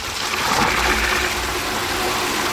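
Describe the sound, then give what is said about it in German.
Steady rushing of water pouring from a tap on a wood-clad filling column in a cemetery into the water tank of a self-driving watering robot, a continuous gush with no pauses and no voices. “Dort fährt Gießbert selbstständig drunter, so dass sich die Öffnung des Wassertanks direkt unter dem Hahn befindet.”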